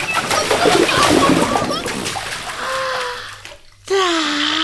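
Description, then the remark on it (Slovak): Busy water splashing and sloshing for about two seconds as an animal dips its belly into water to move its fleas, then it fades and a voice starts talking over faint background. “Ponorím do vody aj brucho a blchy mi prelezú na šiju.”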